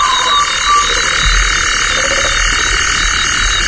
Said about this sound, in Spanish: Un sapo, también hay sapo.